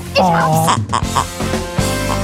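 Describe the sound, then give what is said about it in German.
A pig grunts and oinks loudly, a rapid run of snorty, nasal squeals and grunts that keeps going for a couple of seconds. “Und wer zuerst dieses grunzende Schwein entdeckt, hat gewonnen.”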